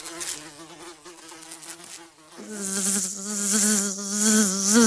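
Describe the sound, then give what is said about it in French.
Flies buzzing steadily, a droning, wavering hum that thickens and grows louder halfway through as more buzzing joins in, with no voices. “Il est 10h du matin, j'arrive déguisé en mouche.”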